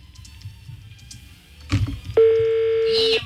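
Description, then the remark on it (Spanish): A telephone ringing tone through the line: after a soft clatter of handling, a single steady, loud electronic ring holds for about a second, with no one picking up. “Está sonando el teléfono este viejo desgraciado, pero no contesta.”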